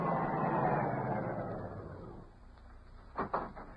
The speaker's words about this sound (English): Car coming.